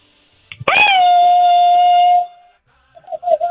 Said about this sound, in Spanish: comadrita, échese un grito mariachero.